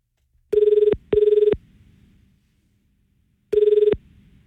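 A telephone ringback tone on an outgoing call from the TRFM radio station to a listener: two quick buzzing rings close together, a pause, then a third ring, clear and steady with no one talking.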